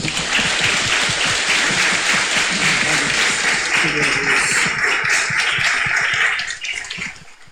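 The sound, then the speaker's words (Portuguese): An audience at a parish Mass celebrating the parish's 40th anniversary breaks into sustained applause to welcome the visiting priest, a dense, steady wash of many hands clapping that holds strong for several seconds before tapering off at the end. “Desde já agradeço pela acolhida, pela participação, pelo seu sim, e receba de nossa paróquia desde já a acolhida de uma salva de palmas.”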